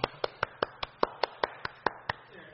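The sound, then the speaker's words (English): An applause button sound effect, played to congratulate Dan Fitzgerald, the 2026 Baseball America College Coach of the Year: about eleven crisp, evenly spaced hand claps in a quick steady rhythm, each a sharp bright burst, with no talking over them. “Oh, do you have an applause button?”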